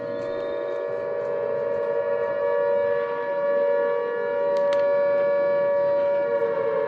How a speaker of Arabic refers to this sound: من جديد صافرات الإنذار في البحرين والكويت.